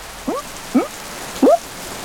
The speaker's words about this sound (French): Maintenant, il pleut à grosses gouttes.